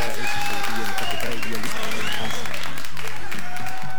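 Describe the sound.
Loud, sustained applause fills all four seconds, a dense crackle of many hands clapping at once, with voices and a few high whoops mixed in.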